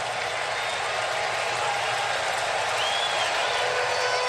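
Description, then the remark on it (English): A large baseball stadium crowd in Atlanta, on its feet, roars steadily with applause and cheering, a dense continuous wash of noise that stays loud and even throughout, with faint whistles rising above it. “So the crowd on their feet again in Atlanta.”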